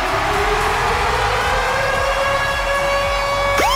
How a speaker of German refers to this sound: Und zwar immer dann, wenn ihr unseren Virgin Radio Ticket-Alarm hört, dann ist der da. Achtung!